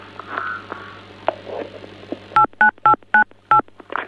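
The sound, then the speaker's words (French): Telephone keypad DTMF tones from someone pressing telephone keys during a call to a studio: about six short, steady dual-pitched beeps in quick, slightly uneven succession, loud and clear, following a couple of seconds of low hum and faint background noise. “on dirait que quelqu'un appuie sur un des touches de téléphone”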